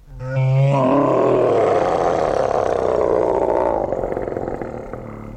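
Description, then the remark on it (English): A huge dragon roar bursts out of a rising growl and rumbles on loudly for about five seconds before tapering slightly at the end, with no talking. “So I began working hard on my roaring.”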